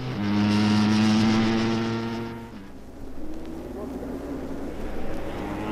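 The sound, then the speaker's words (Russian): A race vehicle's engine revs with a steady harmonic drone, then cuts off abruptly as it stalls; it is restarted and a rougher, lower motor rumble follows as the vehicle pulls away during the race. “Кажется, заглох двигатель. Пытается завести. Да, вот и они уехали.”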